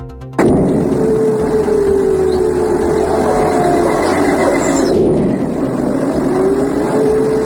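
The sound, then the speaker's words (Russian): Explosions rumble in after a sudden loud onset, merging into a continuous heavy roar that stays strong for several seconds, with no voices present, heard in the morning. “Вы слышите эти взрывы?”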